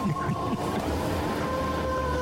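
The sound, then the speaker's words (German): A vacuum cleaner runs steadily throughout, vacuuming up crumbs, a constant droning whine with a broad rushing hiss, even in loudness from start to finish. “der sofort fängt es zu Staubsaugern.”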